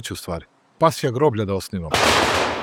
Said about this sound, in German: Ratko Mladic wurde mit Salutschüssen am Topčider-Friedhof am Rande des Belgrader Stadtwalls beerdigt, auf seinen Wunsch neben dem Grab seiner Tochter.